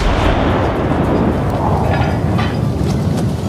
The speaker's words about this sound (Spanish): Así que, cegado por la felicidad, encendió una mecha y disparó un cañonazo de celebración.